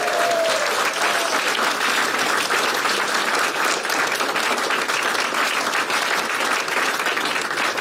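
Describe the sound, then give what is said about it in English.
Sustained applause from a sizable crowd, a dense, steady wash of many hands clapping at once, loud and continuous for several seconds with no speech over it. “Don't clap me yet.”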